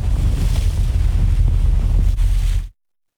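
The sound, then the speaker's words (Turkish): Loud, blustery wind buffets the microphone over a steady rush of sea water and waves against a moving boat off Fethiye in Muğla, Turkey, recorded by the boat's captain, continuous for under three seconds before cutting off abruptly. “Muğla'nın Fethiye ilçesi açıklarında seyir halindeki teknenin kaptanı işte bu görüntüleri kayda aldı.”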